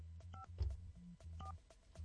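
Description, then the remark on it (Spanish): A few short electronic keypad beeps (DTMF tones) as a phone number is dialed to place a call, each a brief two-tone chirp, heard over a low background hum with no one talking, ending in a sudden loud thump. “Vamos a marcar.”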